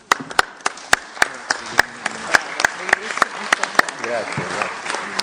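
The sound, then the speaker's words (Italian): An audience applauds a general's speech and all victims of the mafias for several seconds, a dense, steady patter of clapping punctuated by sharper, louder individual claps, with faint voices murmuring beneath it. “Grazie generale, l'applauso è per lei, per il suo intervento e per tutte le vittime delle mafie, della criminalità organizzata, che ricordiamo con profonda gratitudine, con affetto, e l'abbraccio va anche assolutamente ai loro familiari.”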